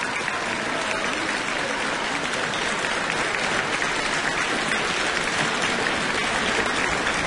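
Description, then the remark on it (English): Sustained applause from a concert audience after a two-piano performance of a 1920 Ravel work by the brothers Lucas and Arthur Eusen, closing the concert's first half: a dense, even wash of clapping that holds at a steady level throughout with no voices standing out. “And continued applause for a wonderful performance from the two brothers, Lucas and Arthur Eusen.”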